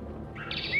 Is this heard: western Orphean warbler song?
yes